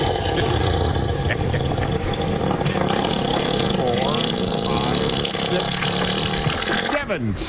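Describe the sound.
An elephant, tail up, farts for about 7.5 seconds: a loud, low, rumbling blast that carries on steadily, with a voice counting over it.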